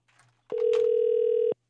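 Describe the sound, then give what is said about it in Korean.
A single steady telephone ringing tone of an outgoing call placed by the radio station Far East Broadcasting, a loud pitched buzz lasting about a second, follows a brief faint murmur and stops abruptly. “극동방송에서 전화를 걸고 있어요.”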